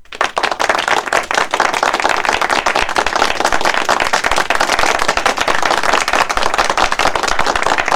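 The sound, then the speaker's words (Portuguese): A loud, steady burst of applause for the listeners, many hands clapping in a dense, crackling wash that holds constant for several seconds without any voices. “Melhores ouvintes, aplauso pra vocês, é aplauso.”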